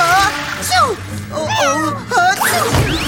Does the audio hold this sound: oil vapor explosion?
no